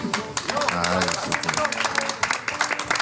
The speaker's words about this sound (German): Ja, danke schön. Ich finde das auch einen Applaus wert.